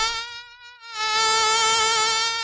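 A high, whining mosquito buzz hovers, dipping quieter for a moment before swelling back louder and steady, with no voices present.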